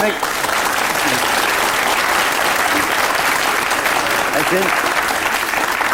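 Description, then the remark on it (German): Sustained audience applause fills the whole stretch, a dense steady wash of many hands clapping at even loudness, with a few faint voices mixed in underneath. “Ich bin gar nicht neidisch auf Ihren Applaus.”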